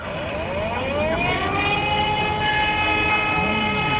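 A fire brigade siren wails steadily and loudly, its layered tones slowly gliding up and down in pitch over a rumbling background, with no voices.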